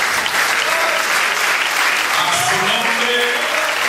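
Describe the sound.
A crowd applauds steadily for about four seconds, a dense, even wash of clapping that holds constant loudness, with faint murmuring voices underneath.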